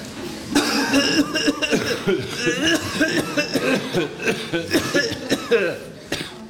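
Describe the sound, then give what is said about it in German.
A person coughs over and over in a long, loud fit of rough, throaty bursts, with raspy voiced sounds between the coughs and no pause until near the end, performed in a scene from a stage play. “Ja, aber du hast gestern am Morgen noch nicht so gehustet.”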